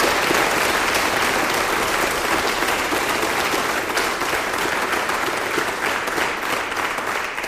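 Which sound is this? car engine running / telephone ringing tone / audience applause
audience applause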